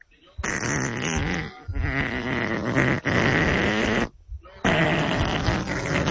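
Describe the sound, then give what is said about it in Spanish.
A long, loud, rumbling fart in several bursts after waking, releasing gas held in overnight, with brief gaps between the blasts, each full of rough, buzzing, low flutter. “sacando ahí todo el gas que traía almacenado durante la noche.”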